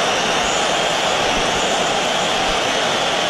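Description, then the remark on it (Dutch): A stadium crowd of Atlético fans whistles in loud disapproval at their own player Julián Alvarez as he comes on as a substitute, a dense, sustained wall of shrill whistles over a steady roar of fans, unbroken for the whole stretch with no voices standing out. “Ja, een flink fluitconcert toen hij het veld betrad.”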